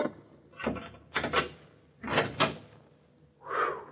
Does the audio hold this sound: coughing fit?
no